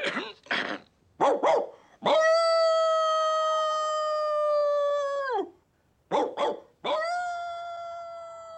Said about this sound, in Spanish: Sus ladridos llegan a una lejana granja.